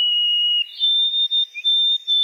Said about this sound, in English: The first part of the name is white. You got to get the body part and then the bird. That is a white-throated sparrow.